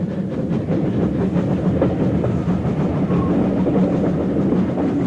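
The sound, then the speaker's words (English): A steam train rolls steadily along the rails on a journey toward Tamworth, a loud rumble filled with a quick, rhythmic clatter of wheels that carries on without a break and with no voices. “After having travelled to Tamworth so many times by stagecoach, I could never quite get used to the train journey. It seemed strange somehow to hear the hiss of steam and not the cracking of the driver's whips.”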